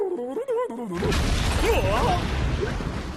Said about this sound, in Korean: 뭐야? 처음 들어본 소린데? 이 소리는 꼭... 큰일이야. 이건 바닷속 수중 화산이 폭발하려고 낸 소리였구나. 얼른 육지로 도망쳐야겠어.